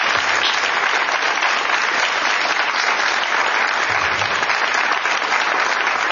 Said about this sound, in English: And I just want to thank Jonathan Gnapp again. Let's give him a round of applause.